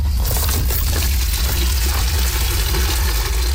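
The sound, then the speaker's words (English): Water pours steadily and splashes into buckets as volunteers fill them to put out a fire in southwestern France, a continuous rushing sound over a deep low rumble like a running engine, with no one speaking. “Volunteers fill buckets with water in a desperate attempt to put out the fire.”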